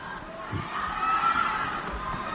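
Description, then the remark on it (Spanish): A stadium tennis crowd at the Rafa Jodar–Carreño match roars and shouts in a steady, dense wash of voices, with a brief higher-pitched cry rising above the din midway through. “La gente grita, ¿eh?”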